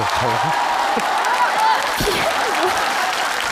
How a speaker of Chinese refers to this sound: 爸给你鼓鼓掌行不行？